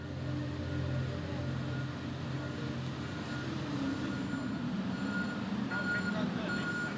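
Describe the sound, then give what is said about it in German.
Steady low rumble of heavy trucks and engines loading the cargo ferry Finn Echo 2, almost 240 metres long, through the night at Vuosaari harbour in Helsinki, Finland, with faint repeating reversing beeps above the drone and a voice talking briefly under the noise. “Die ganze Nacht lang wird diese Frachtfähre beladen.”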